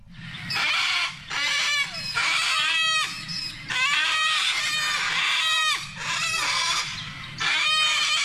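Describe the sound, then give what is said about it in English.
Sulphur-crested cockatoos screech over and over, loud harsh raucous squawks in quick overlapping bursts with only brief pauses, grating, with no voices. “Just one of our most musical birds, the sulfur-crested cockatoo that has been causing havoc on the surf coast, stealing food from people at restaurants, in lawn, opening up the bins, spreading the rubbish everywhere.”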